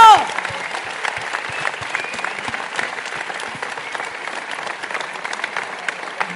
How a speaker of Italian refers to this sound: Un applauso fortissimo!